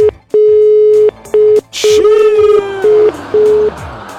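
An outgoing phone call from the Nativa radio station's 'cofre da Nativa' contest to a listener in Itaquera rings unanswered: a steady electronic ringback tone sounds in several bursts of uneven length, fairly loud, with a brief warbling, garbled patch in the middle.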